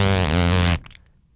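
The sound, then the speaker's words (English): A real fart, made with the microphone lowered to pick it up, rips out loud and raspy for about three-quarters of a second, a steady low buzzing tone rich in overtones, then cuts off abruptly into near silence. “So that's the thing, is if you hear a fart noise here on Radio Sphere”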